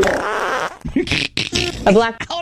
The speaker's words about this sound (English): I don't know if the fart will actually stick to the chicken.